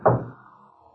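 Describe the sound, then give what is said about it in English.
A heavy knock on a door, a single deep, resonant thud at the start that rings briefly and fades away into near silence, with no voices. “Whitey, they only knocked twice.”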